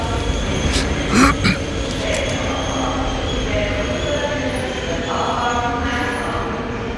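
A train pulls away from platform 5 at Zürich main station, its steady low rumble and rolling noise filling the scene, with a few brief metallic clanks and faint squeals. No one speaks.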